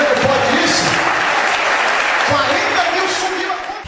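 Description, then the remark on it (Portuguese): A church audience applauds steadily for a few seconds after a testimony of a debt disappearing, a dense, continuous clapping with raised voices mixed in beneath it. “Dá uma salva de palmas, Jesus, pelo amor de Deus aí, irmão.”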